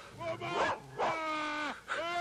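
A dog that has bitten Mr. Rukásl barks and whimpers, letting out several drawn-out, high whining yelps in quick succession with short breaks between them.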